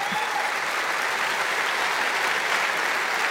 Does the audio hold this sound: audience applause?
yes